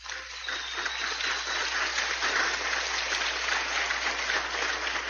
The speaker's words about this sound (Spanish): Y yo quiero que se reiteren este fuerte aplauso.